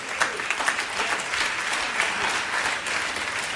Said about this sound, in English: Also, what I would like to say as well, and I would like everyone to give the youth ministry one more round of applause, please.